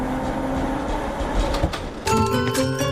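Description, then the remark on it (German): A tram rumbles along its rails with a steady low drone, then brighter metallic squeals and tonal whines rise sharply partway through, fairly loud, with no voices. “Mit der Straßenbahn.”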